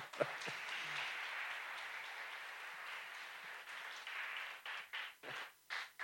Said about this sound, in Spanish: Aplauda fuerte a Dios.